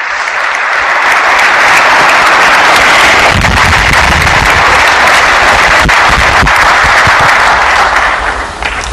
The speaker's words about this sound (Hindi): जोरदार तालियों की गूंज के साथ माननीय प्रधानमंत्री श्री नरेंद्र मोदी जी का स्वागत करें। भारत के माननीय प्रधानमंत्री श्री नरेंद्र मोदी। तालियों की कड़कड़ाहट रुकनी नहीं चाहिए।